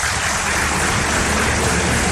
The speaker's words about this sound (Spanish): Señor Juan Papo Bancalari, presidente ejecutivo de la Asociación de Hoteles y Turismo a Sonadores, para quien pido un fuerte aplauso.